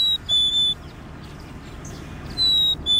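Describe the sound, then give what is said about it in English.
A red-breasted nuthatch gives two short, nasal, horn-like calls, one near the start and one near the end, over a steady low outdoor hiss. “and red-breasted nuthatch.”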